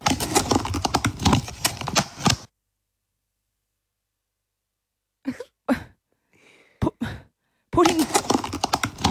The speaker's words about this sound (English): It's taking the lid off. Oh, the lid off the Tupperware container. A takeaway container.